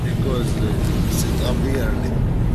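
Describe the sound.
Steady low engine rumble and road noise fill a car interior while driving, heard from the back of the car, a constant droning hum with faint, indistinct voices murmuring beneath it.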